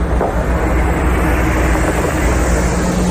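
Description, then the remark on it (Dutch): A large bus with the words "AI Data Revolte" on it rumbles past, its deep engine drone and road noise loud and steady throughout, with no voices. “Hier rijdt een grote bus.”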